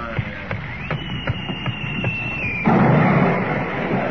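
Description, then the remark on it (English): A shell is fired across a ship's bow: a high, steady whistle streaks overhead for a couple of seconds, then a loud blast erupts into a sustained roaring rumble, with a few sharp knocks scattered beforehand. “That was a shell fired across your bow.”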